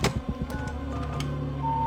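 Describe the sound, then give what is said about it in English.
Electronic tones from a telephone keypad, with short steady beeps pitched close together near the end, heard over a low mechanical hum and a few soft clicks. “I was wondering if I could use your phone.”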